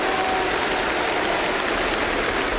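A concert crowd applauds in a steady, dense wash of clapping, loud and unbroken for the whole stretch, with no voices rising above it.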